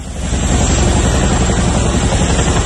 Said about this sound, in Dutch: Ja, het geluid van de helikopters die meededen aan een militaire oefening. Het ging om een antiterreuroefening van de Koninklijke Luchtmacht, waarbij onder meer een gijzeling werd nagebootst.